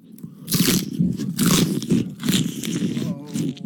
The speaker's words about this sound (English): That's the chewing of the food.